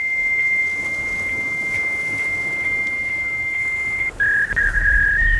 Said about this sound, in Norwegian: men lekkere smekker Emma faksmaskinen her. Hun vil gjerne synge bursdagssangen til deg.